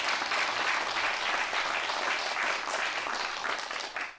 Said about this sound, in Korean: 자, 그러면 저와 오늘 함께 김옥심 명창을 소개해 주실 분들을 모시겠습니다. 여러분 뜨거운 박수로 보내주십시오.